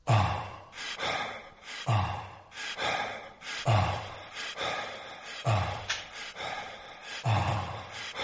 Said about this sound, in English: Do you recognise this? Someone breathing. It sounds like ….